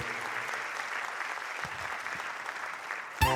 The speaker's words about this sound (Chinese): 谢谢，感谢大家掌声鼓励。